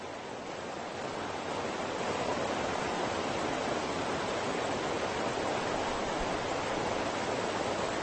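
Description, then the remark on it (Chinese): A steady, dense rush of water pours continuously over a small waterfall without pause, a broad hissing roar like a small cascade, as minnows swim upstream trying to get over it, with no voices present. “鱼儿们逆流而上，试图越过这道小瀑布”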